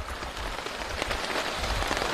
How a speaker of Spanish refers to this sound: El desafío es secar la mayor cantidad de cosas lo más rápido posible mientras ponemos la lona bajo la lluvia.